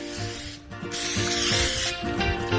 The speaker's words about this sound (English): I'm gonna flip these over. We're gonna do another spray.